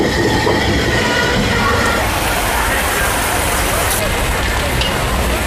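A large train roars across the border river bridge at the Hekou crossing in Yunnan, China, facing Lao Cai, Vietnam, across the Nanxi River: a loud steady rumble of heavy wheels on rails with faint metallic squeals and rattling throughout.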